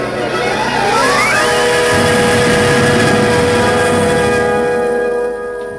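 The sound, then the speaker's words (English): A car engine revs up over the first second or so, its pitch climbing, then settles into a loud, steady drone as the car drives on through darkened, ruined streets with snow, one car ahead and one behind, continuous, no talking. “The car behind closed up. The car in front led the way.”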